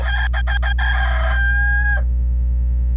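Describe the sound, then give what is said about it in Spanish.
A rooster crows in a stuttering way: four choppy bursts, then one long drawn-out note that cuts off abruptly. It is loud, over a steady low background hum. “regresamos más rápido que en lo que canta un gallo tartamudo.”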